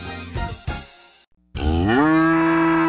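A cow lets out a long, loud moo that swells in pitch and holds steady to the end, preceded by a couple of short, rough grunting bursts and a brief pause.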